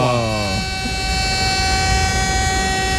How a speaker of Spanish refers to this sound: Nueva esta alarma.